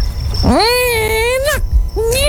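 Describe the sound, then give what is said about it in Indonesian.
A voice imitates a cat's mating yowl: one long, rising, wavering wail held for about a second, breaking off, then a second yowl starting up. Loud and tonal, with a low rumble underneath. “Yang kali ini gangguannya berupa... Kucing lagi mau kawin.”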